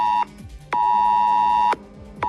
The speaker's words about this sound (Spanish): Pero desde hace 5 noches, los mensajes del sistema S-Alert no han dejado de sonar en los teléfonos móviles de decenas de miles de vecinos de la Sierra Oeste de Madrid, del Valle de Tietar, en Ávila,